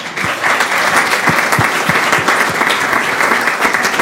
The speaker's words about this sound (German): Kleinen Applaus